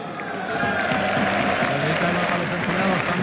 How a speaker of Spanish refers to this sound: Aplaude a los compañeros al lado de él.